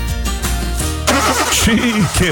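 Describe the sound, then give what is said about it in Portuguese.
A broken-down car's engine cranks in a series of sputtering starter turns without catching, fairly loud, then a voice begins speaking over the fading noise. “Quebrou, mas meu carro tem Álamo.”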